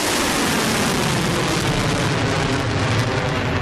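Drone and missile attacks launched by Iran against the US Navy Fifth Fleet headquarters in Bahrain and a US helicopter base in Kuwait, heard as a loud, continuous roaring rush that holds steady for several seconds, dense and hissing like a low-flying engine overhead, with no voices.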